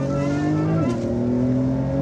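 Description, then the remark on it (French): A loud race car engine on a track holds a steady, buzzing whine at full throttle, then its pitch steps sharply down partway through under heavy braking, carrying on at the lower tone. No one speaks. “Voilà, là on peut accélérer à 100%. Ici, c'est un vrai gros frein.”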